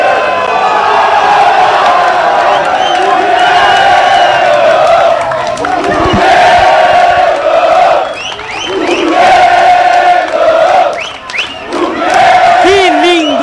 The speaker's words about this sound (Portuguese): Futebol, minha gente, que linda a torcida chavante fazendo uma baita festa aqui em Bento Gonçalves.